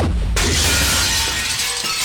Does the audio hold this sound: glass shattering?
yes